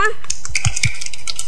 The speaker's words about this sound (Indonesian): Oke, coba tepuk tangannya mana?